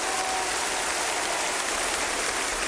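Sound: concert audience applauding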